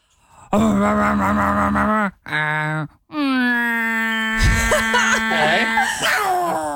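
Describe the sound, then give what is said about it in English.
A voice imitates a garbage truck with loud, low droning groans in three bursts, the last one long and wavering, with a short hissing burst partway through. “Please sound like your best impression of what you think a garbage truck sounds like.”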